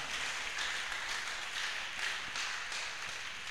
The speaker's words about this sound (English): Give yourself a round of applause one more time.